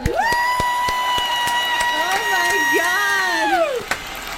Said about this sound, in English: Oh, they're doing it again! Oh, they're clapping me! There was an encore!